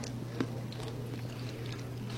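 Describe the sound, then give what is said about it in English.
A soft bite into a slice of dill pickle pizza with garlic cream sauce and fresh dill, with one quiet crunch early on followed by faint, moist chewing over a steady low hum, without any talking. “Not a lot of sound with that bite. Not as crunchy as not the as crunchy. As a butter tart, but it's good.”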